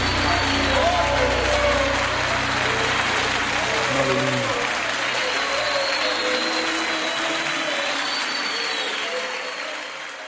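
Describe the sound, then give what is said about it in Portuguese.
A large audience applauds the Lord loudly and steadily for about ten seconds, a dense wash of clapping with voices mixed in and a low hum underneath, easing off slightly at the end. “Comece a aplaudir ao Senhor, o Rei dos Reis, aquele que vai restituir a tua vida, meu irmão.”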